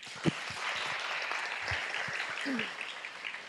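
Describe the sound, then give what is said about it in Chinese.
A crowd claps steadily, a dense, even wash of many hands sustained throughout at a fairly constant loudness, with no voices standing out above it, welcoming the head abbot of the main temple to give an encouraging talk. “接下来呢，我们再热烈的掌声来欢迎我们总本山住持圆心法师来为我们一个鼓励开示。”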